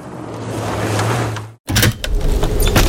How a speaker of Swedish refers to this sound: Men vad gör du? Det blir ju gökallt. Men jag måste ha lite luft när jag sover. Måste du öppna fönstret för att få luft?